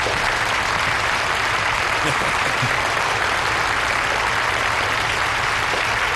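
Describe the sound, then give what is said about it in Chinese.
Steady, dense applause from a sizable audience at a Chinese New Year gathering as the honorary chairman is invited to speak, a continuous loud clatter of many hands clapping without pause, with no voices standing out above it. “下面有请名誉董事长罗福涵先生讲话，大家掌声有请。”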